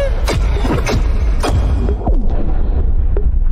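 A loud, continuous low rumble with several sharp booming bursts cracking through it, like a string of explosions going off in quick succession, with no voices.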